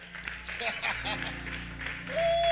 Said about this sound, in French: Applaudissez tout pour ça.